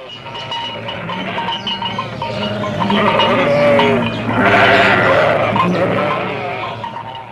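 A herd of livestock calls out together, with overlapping bleats from sheep and goats and some deeper lowing from cattle, a steady, dense chorus with no one talking.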